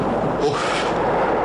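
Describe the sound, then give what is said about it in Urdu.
Heavy cannon fire from English (British) cannons rumbles loudly, with deep booming blasts blending into a dense, continuous roar across the whole moment. No voices are heard. “جاؤ بنا, یہ تو انگریزوں کی توپیں ہیں.”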